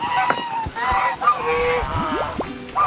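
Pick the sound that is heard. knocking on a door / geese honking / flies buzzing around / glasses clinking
geese honking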